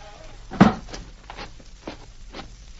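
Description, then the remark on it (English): A door thuds shut with one sharp, solid knock, followed by a few fainter clicks and soft rattles as it settles. No voices are heard. “you can shut the door now.”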